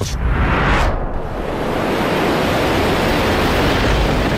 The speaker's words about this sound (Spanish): Está lloviendo un montón y este barco no se está quieto. ¿Nos vamos a hundir?